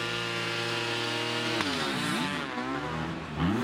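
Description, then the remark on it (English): Two 250cc motocross bikes, one 2-stroke and one 4-stroke, ridden by Ryan Sipes and Cantrell, race with no talk, their engines snarling and rising in pitch together, one high buzzing whine weaving against a deeper note as they rev up and shift. “And this is interesting because it is 2-stroke against 4. They're both 250cc engines.”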